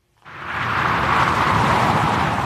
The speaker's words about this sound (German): So klingt die A8 kurz hinter Augsburg, westlich.